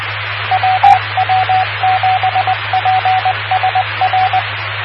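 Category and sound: signal or alarm, morse code beeps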